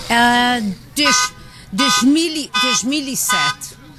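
A car alarm blares, starting with a long steady honk and then cycling through short warbling bursts that rise and fall in pitch, loud and repetitive.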